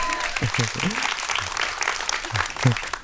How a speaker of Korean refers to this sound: 박수가 안 멈추니까 되게 당혹스럽네요.